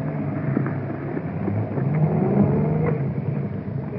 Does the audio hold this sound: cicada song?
no